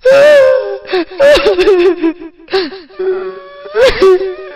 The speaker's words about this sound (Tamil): மீண்டும் அதே அழுகுரல் வீட்டிற்குள் கேட்டது.